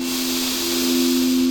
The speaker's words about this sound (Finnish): Ja syvä hengitys sisään.